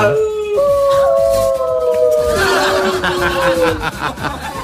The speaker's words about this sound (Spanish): Ahí están los lobos, ¿ah? ¿Eh? Los lobos.